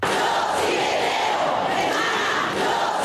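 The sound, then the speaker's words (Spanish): A dense protest crowd chants slogans against sexual violence in the street, including "Yo sí te creo, hermana, aquí está tu manada", many voices shouting together in a loud, steady roar with a faintly rhythmic rise and fall throughout. “Las calles se llenaban y como además eran esos gritos que era lo que estaba en juego, ¿no?”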